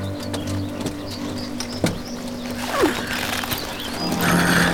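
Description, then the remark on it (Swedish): A white horse whinnies with a rising, wavering cry amid scattered sharp hoof knocks as it is mounted and ridden on, over a steady low outdoor hum with faint bird chirps in the background. “Och nu ska jag hoppa upp på min vita häst och rida vidare.”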